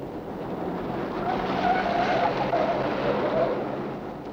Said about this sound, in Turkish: deli gibi sürme arabayı!